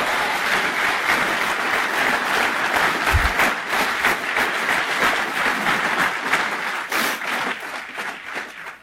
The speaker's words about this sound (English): You better clap for that.